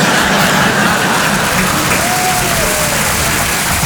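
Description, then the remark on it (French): Steady audience applause fills the whole stretch, a dense, even wash of many hands clapping at constant loudness, with faint crowd murmur and a brief whistle-like tone partway through. “Non, n'applaudis pas.”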